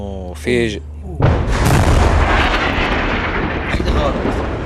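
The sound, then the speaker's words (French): A brief voice is cut off by a sudden, heavy explosion from a strike landing very close by at night in Nabatieh, with an orange light tearing through the night; its broad roaring rumble lingers for several seconds before slowly tapering off. “Une lumière orange déchire la nuit. Cette fois, c'est tombé tout près, mais c'est trop risqué de sortir, dit-il.”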